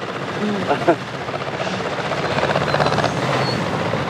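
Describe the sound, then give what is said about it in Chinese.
A tractor engine runs while the tractor is being driven, with a steady, loud mechanical rumble and rattle that never lets up, while a voice speaks briefly over it near the start. “开拖拉机嘛，认真点，这不是闹着玩的。”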